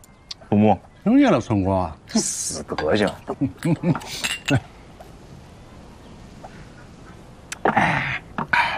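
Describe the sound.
Glasses clink together in a toast amid a burst of lively voices, followed by a quiet pause and then a brief rustle of movement near the end.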